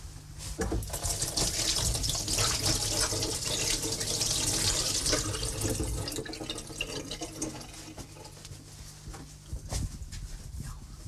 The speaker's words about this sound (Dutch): Ik ga eerst mijn handen wassen